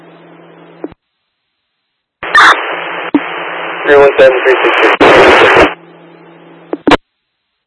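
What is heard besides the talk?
radio transmission static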